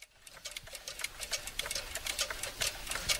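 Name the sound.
mechanical clock ticking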